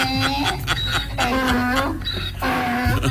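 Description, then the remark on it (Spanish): A donkey bray, played on request, in loud, harsh, repeated heaves, its rasping wheezy pitch rising and falling in a rough seesaw rhythm for a few seconds with no talking. “Y queremos, gracias, que suene el burro,”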